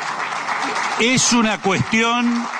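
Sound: audience applause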